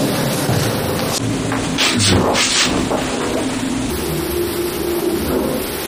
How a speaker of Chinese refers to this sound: 我们可以看一下啊， 只要电梯不运行，这声音就没有；只要一运行，家里就有着嗡嗡的声。